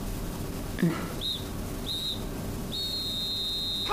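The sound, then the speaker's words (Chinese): Shrill, steady high-pitched blasts of a police whistle or siren: two short bursts followed by a long sustained tone, over a low background rumble with a brief thump early on. “怎么有警笛声？”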